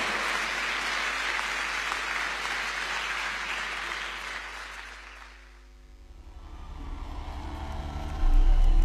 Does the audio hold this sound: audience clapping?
yes